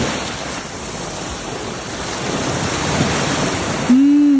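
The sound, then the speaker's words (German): Steady, broad roar of ocean surf washing onto the beach at Es Trenc, Mallorca, with wind buffeting the microphone; near the end a sustained low tone cuts in abruptly. Recorded live in a video sent via WhatsApp. “Live-Meeresrauschen. Und zwar direkt vom Estrenk.”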